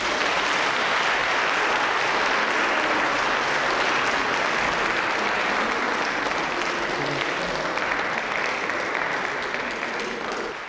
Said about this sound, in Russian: Когда я объявляю его в концерте, мне не обязательно говорить «лауреат», «первые премии», достаточно сказать два слова, на лицах появляются улыбки, звучат аплодисменты, поэтому я всегда с удовольствием произношу эти два слова. Ефим Шифрин.